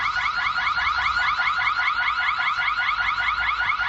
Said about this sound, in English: fair that we contact the EPA about noise pollution the next time we hear the dreaded siren from the business over our back fence. There it is.